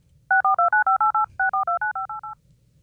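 A rapid run of telephone keypad tones, about fourteen short crisp beeps in two quick bursts with a brief pause between, loud with no voices.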